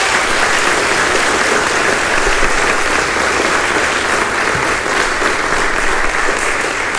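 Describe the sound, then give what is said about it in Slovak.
Loud, sustained applause from an audience for a group of children who sang, a dense wash of clapping that stays steady for the whole seven seconds with no voices rising above it. “Jeden veľký potlesk ešte pre nich, prosím.”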